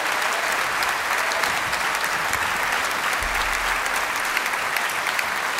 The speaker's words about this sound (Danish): Ja, mine damer og herrer, giv dem lige et ekstra bifald.